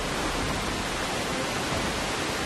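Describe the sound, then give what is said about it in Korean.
A roaring waterfall heard up close, its spray falling on visitors approaching it: a dense, steady wash of rushing water and spray, loud and unbroken across the whole moment, with no voices. “폭포가 뿌리는 물방울을 맞으며 조금 더 가까이 다가가 봅니다.”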